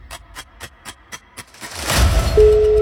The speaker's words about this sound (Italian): Vi stiamo chiamando. Primo squillo.